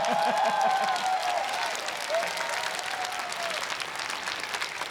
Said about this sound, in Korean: 생각보단 박수가 많이 서운하게 나오네요.